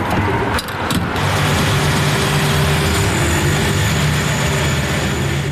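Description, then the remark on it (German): A car engine idles with a steady low rumble and broad hum, a couple of brief clunks near the start, and no voices, as a man drives up to fill his car at a small petrol station with five pumps and a kiosk on the main road in Aarau-Rohr, Switzerland. “Ein Mann fährt suchen, der sein Auto tanken will.”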